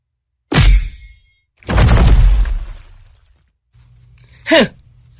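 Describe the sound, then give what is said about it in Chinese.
Three loud punches land on a person one after another: a sharp ringing smack, then a heavier crashing thud that rumbles out, and finally a quick squeaky hit after a short pause. “起来，起来，别撞了，我才打你几下，起来。”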